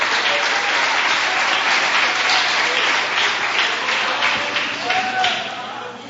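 An audience applauds to exalt Jesus in a dense, steady roar of many clapping hands, sustained and loud for several seconds before easing slightly at the end.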